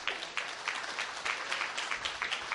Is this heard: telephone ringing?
no